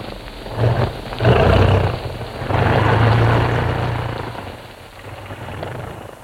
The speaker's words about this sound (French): 3 heures plus tard, piquant entre deux versants, l'avion survole une ville, puis vire à l'intérieur d'une très large vallée et se pose. Nous sommes à Cusco.